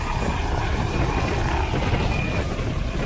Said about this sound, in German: Am Flughafen Dortmund ist ein Intensivtransporthubschrauber der Luftrettung stationiert.